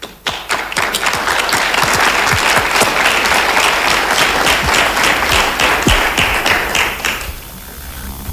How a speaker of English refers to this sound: So when you want to clap, clap for him.